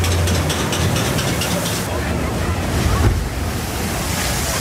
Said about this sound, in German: Oh, ganz schön nass geworden im Boot bei den beiden Abfahrten.